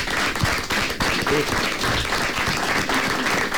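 Steady applause from a group for a young participant, given to encourage her. Dense overlapping claps are sustained evenly at a fairly loud level for the whole stretch, with faint voices mixed underneath.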